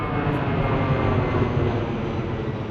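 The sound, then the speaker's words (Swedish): An airplane taking off, a steady, loud jet-engine roar with a deep rumbling low end and a broad hiss above, holding constant throughout with no voices. “Trollet skickades iväg med flyg och bockarna fick bo på Hotel Zanzibar och hade världens bästa solsemester.”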